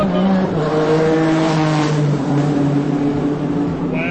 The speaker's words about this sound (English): Wow. Those kind of race cars might be faster than cheetahs.